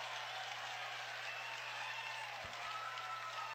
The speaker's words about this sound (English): Is that a Carolina fan? Got a big round of applause. Yep, Carolina fan making the play and getting the fist bumps all around.